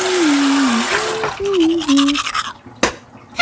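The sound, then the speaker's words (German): Brisk tooth brushing with toothpaste in scrubbing strokes over a steady hiss of water running from a tap, with a brief tonal whine from the flow partway through. “Ups, jetzt ist der Wasserhahn ausgeputzt. Mit meiner Zahnpasta.”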